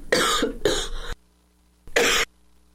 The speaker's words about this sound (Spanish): Disculpe, por favor, esta tos, el grito de felicidad por el tema de la selección, bueno, nos lleva hasta estas circunstancias, así como pues el tema de la humedad y estas lluvias.